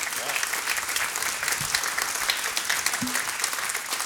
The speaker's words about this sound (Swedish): Och stora applåder igen för bandet.